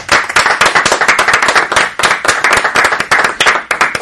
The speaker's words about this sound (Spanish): Bueno, un aplauso para Griselda Gambaro, que se fue.